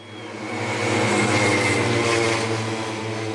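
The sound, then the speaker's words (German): Loud, steady drone of pacer motorcycle engines leading cyclists in a motor-paced track race at the velodrome in Forst, Germany, with a buzzing, rattling tone that swells slightly in the middle, continuous, with no voices. “So klingen Radrennen in Forst. Vorneweg knattern die Motoren der Schrittmachermaschinen.”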